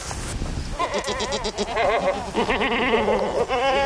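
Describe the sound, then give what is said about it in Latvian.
Several goats bleat continuously in a pasture along a hillfort, overlapping wavering calls in an open outdoor setting, loud and steady throughout with no talking. “Gar pilskānu dodamies uz kazu ganībām.”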